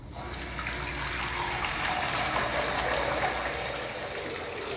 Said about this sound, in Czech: Odlazim u kupatilo, puštam vodu da teče.